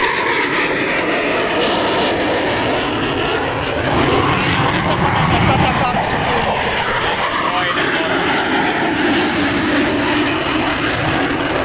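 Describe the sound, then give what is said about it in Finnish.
A German Tornado fighter jet taking off, its engines a loud, continuous roar of just under 120 decibels that swells slightly midway and stays powerful throughout, filling the whole clip without pause. “Eli ainakin saksalaiset hävittäjät, Tornado ja Eurofighter, niin semmoista 120 desibeliä melua pitävät noustessa.”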